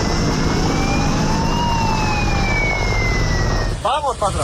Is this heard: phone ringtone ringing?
no